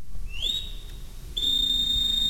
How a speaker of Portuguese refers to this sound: E, no entanto, estamos a ouvir assobios no palco. Estamos, mas não somos nós que estamos a assobiar. O assobio dos marinheiros ouve-se no palco do Coliseu dos Recreios.